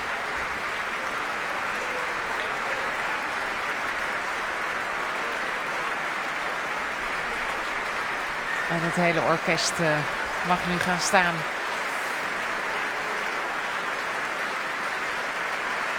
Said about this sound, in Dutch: Voor Sejong Yin-cho die opnieuw de trap afkomt. Groot applaus ook van de muzici van het Concertgebouworkest. Voor Sejong Yin-cho.